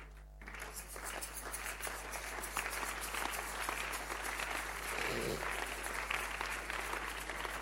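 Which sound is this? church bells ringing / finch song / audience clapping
audience clapping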